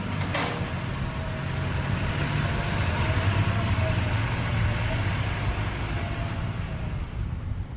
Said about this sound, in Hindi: अरे दादू, उधर देखिए कितनी बड़ी बड़ी मशीनें काम कर रही है, लगता है कोई सड़क या पुल बनाया जा रहा है।